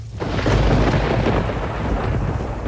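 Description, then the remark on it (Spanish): Heavy rain pours down in a dense, steady roar while deep thunder rumbles continuously underneath, loud, with no voices present. “La lluvia arreciaba”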